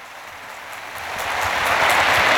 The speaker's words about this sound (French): Et nous entendons les applaudissements nourris.